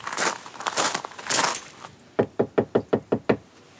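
A rustling, crinkling noise fades out, followed by a quick run of about eight firm knocks on a door, close by and evenly spaced.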